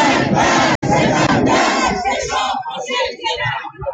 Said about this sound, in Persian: و قیام کنندگان در سراسر ایران فریاد کشیدند: مرگ بر ستمگر، چه شاه باشه چه رهبر.